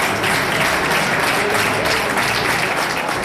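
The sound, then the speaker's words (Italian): Sustained, dense, warm applause from a crowd of families, friends, children, army colleagues and civil protection welcoming rescue workers home, steady and loud for the whole stretch, many hands clapping together in a continuous wash without any voices standing out. “C'erano infatti famiglie, amici, parenti, diversi bambini, anche piccoli, in attesa di mamma o papà, e poi colleghi dell'esercito, la protezione civile, e sono stati accolti con un caloroso applauso.”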